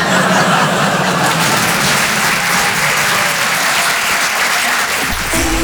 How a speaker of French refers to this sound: Yeah, thank you. Voilà, merci. Ça, c'est les gens bien. Ceux qui n'ont pas applaudi, c'est des jaloux.